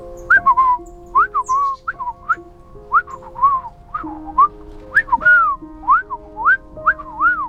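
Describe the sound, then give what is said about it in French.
A bird's reply is whistled as a quick string of short, swooping chirps, about a dozen in a lively rhythm, clear over a soft, steady musical drone. “lui répondit le passereau, ce qui signifie à peu près « Va voir le vieil homme dans la forêt, mais prends garde au renard, il est le plus menteur de tous les menteurs.”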